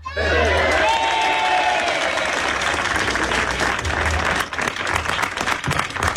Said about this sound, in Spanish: Y una gran ovación daba paso a esa inauguración de la Real Feria de Agosto